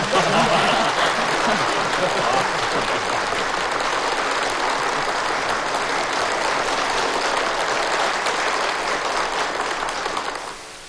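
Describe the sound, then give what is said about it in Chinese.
Sustained applause from an assembled audience agreeing to proposed rules, a dense, steady clatter of many hands clapping that holds evenly for about ten seconds before tapering off at the end. “如果大家同意，可以鼓掌。”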